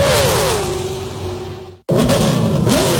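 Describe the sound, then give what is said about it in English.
A loud NASCAR race car engine roars with a steadily falling pitch, cuts out abruptly for a split second, then a second powerful engine roar bursts back in with rising pitch. No one speaks. “Get ready to rev your engines, NASCAR fans.”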